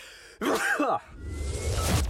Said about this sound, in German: Oh, ich muss niesen.